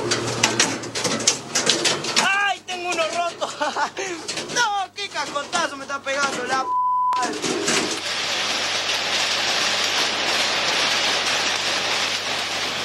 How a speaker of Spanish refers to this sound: El agro también se vio afectado por la granizada. Varios campos de la zona sufrieron pérdidas por la caída de granizo.